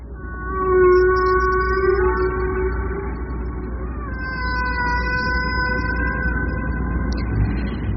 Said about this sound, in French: Ça, ce sont des chants de baleines de Hawaï, envoyés dans l'espace par la sonde Voyager, un enregistrement effectué dans les années 60 par les militaires américains.